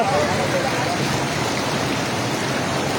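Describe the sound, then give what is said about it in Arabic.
A loud, steady roar of floodwater rushing continuously without pause at the earthen bridge of Al-Ashara, which the water's force has put almost completely out of service, broad, like a heavy torrent surging through an opening. “يا قوت المي من عند الجسر الترابي.”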